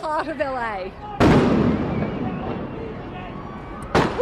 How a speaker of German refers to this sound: Bei einer Demonstration in Los Angeles wird diese Reporterin aus Australien vor laufender Kamera mit Gummimunition von Ordnungskräften angeschossen.